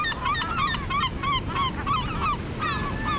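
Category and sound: bird, american herring gull calls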